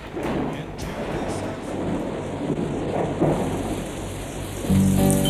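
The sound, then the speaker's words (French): Steady rain hisses through a thunderstorm as low thunder rumbles underneath, swelling slightly near the end while a faint musical tone creeps in. “Alors, toujours l'orage, mais on a changé un petit peu de direction artistique.”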